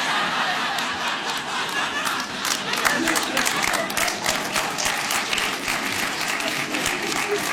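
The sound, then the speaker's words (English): A large audience claps steadily and densely for several seconds, a continuous wash of many hands at a fairly loud, even level, with faint crowd murmurs and a few chuckles mixed in. “See, sometimes when people start applauding, other people are like, no, we don't want to move our arms.”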